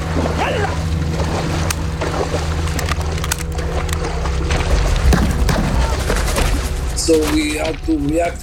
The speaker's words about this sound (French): Ils nous tiraient dessus, ils tiraient sur les bateaux.